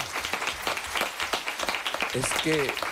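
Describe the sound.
A crowd applauds to welcome a guest, with dense, steady clapping for about three seconds, and a voice briefly calls out over the applause near the end.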